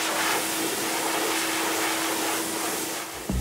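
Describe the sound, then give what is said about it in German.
A steady, loud whooshing roar of a repurposed motorcycle blower from the United States drying a dog, with a constant low hum running underneath, holding level throughout before a brief bump at the end. “Das ist eigentlich ein Motorradföhn aus den Staaten, den wir da so ein bisschen umfunktionieren”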